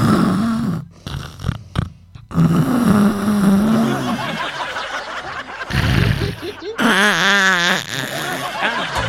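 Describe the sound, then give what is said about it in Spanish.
A voice mimics loud snoring with rasping, snorting breaths, mixed with chuckles and wavering vocal sounds in a continuous run of several seconds. “Póngale nomás a los ronquidos, que es muy importante descansar el cuerpo también, para amigazo.”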